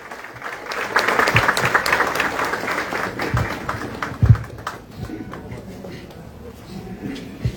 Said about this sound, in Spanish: La recibimos con fuertes aplausos.